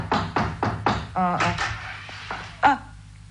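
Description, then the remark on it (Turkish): A fist pounds on a door four times in a quick, steady rhythm, fairly loud, followed by people talking and a few softer knocks and a sharp thud. “Kapıyı yumruklamayı deneyelim bir de.”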